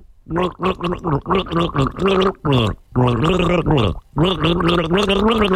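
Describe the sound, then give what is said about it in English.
A voice gargles a swig of water held in the mouth while carrying the sung melody of a song by a group, the bubbling tones rising and falling in short phrases with brief pauses between them, fairly loud throughout. “Swig of water is happening in the mouth.”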